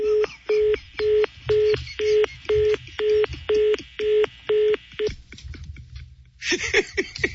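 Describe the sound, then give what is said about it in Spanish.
A run of about ten evenly spaced electronic beeps pulses on a telephone line, followed by scratchy static and crackling noise that swells near the end. “Seguramente es una interferencia del teléfono o alguien ahí de su familia le está”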